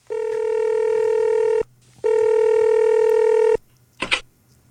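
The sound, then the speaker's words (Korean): Two long, steady telephone keypad tones sound one after another with a short pause between them as a phone call is dialed on the Korean radio program Park Seung-hwa's Gayo Sogeuro, followed by a brief clicking burst. No voices are heard. “아, 승식이가 역시 오늘도 화순이에게 전화를 합니다.”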